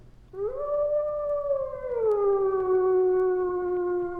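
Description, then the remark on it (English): A single wolf howls in one long, sustained tone. It rises slightly, then slides down to a lower pitch and holds steady, loud and alone against a faint low rumble. “The wolf loves to howl.”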